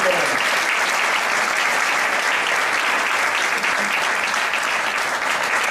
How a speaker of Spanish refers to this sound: es alguien que la cabeza le va muy, muy, muy rápido, que tiene un corazón enorme y está haciendo mucho por Leganés, pero se merece un fuerte aplauso.